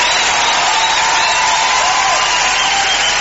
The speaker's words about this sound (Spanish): aplauso